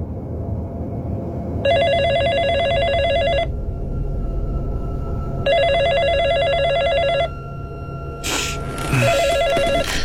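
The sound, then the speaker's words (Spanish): A cell phone rings around 3 in the morning in repeated electronic bursts, two long trilling rings about two seconds each, then a brief noisy clatter before a third ring begins, heard alone over a low background hum. “Cerca de las 3 de la mañana, recibí una llamada a mi celular que me despertó.”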